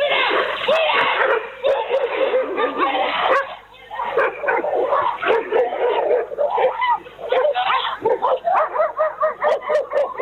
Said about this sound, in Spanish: Una joven de 20 años que se dirigía caminando a su casa fue atacada violentamente por dos perros